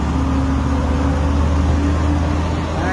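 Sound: traffic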